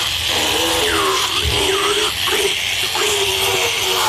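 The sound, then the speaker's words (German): A large drill, picked up after an animal's teeth were checked, runs continuously, giving a loud, steady whirring buzz with a low hum whose pitch wavers slightly as it works, with no one speaking. “kommt das, auf das ich schon so lange gewartet habe, nämlich greift sie zu dem grossen Bohrer.”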